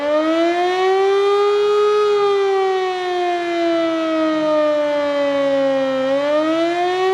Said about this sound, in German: Dabei wird die Funktionstüchtigkeit der Sirenen im Land getestet und die Bevölkerung wird an die unterschiedlichen Signale für Warnung, Alarm und Entwarnung erinnert. Ein einminütiger auf- und abschwellender Ton würde unmittelbare Gefahr bedeuten.